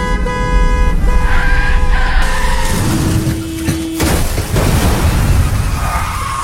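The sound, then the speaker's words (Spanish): A car skids with a long, loud tire screech and blaring horn, then slams into something with a heavy crash, followed by continuous rumbling noise. No voices are heard. “Ayer tuve un accidente de carro y hoy amanecí con dolor en el cuello.”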